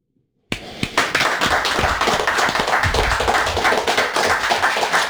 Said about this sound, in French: J'applaudis. J'applaudis, j'en tape mon micro.